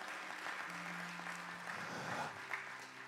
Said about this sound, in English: Thank you. That's good enough. Give the Lord a big hand clap, if you will.